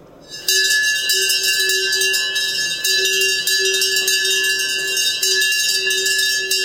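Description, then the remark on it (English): A large hand bell rings loudly and continuously for several seconds, clanging rapidly with a bright, metallic, sustained tone. No one speaks. “But I will be ringing it for Roy, and apparently Roy has rung this before.”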